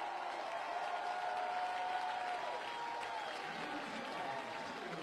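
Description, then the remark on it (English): A near-sellout stadium crowd at a Carolina baseball game against the Pitt Panthers cheers and applauds steadily after an RBI line drive, a dense wash of clapping and shouting with a few whistles rising above it, holding at an even loudness throughout. “This crowd is loving every bit of Carolina baseball.”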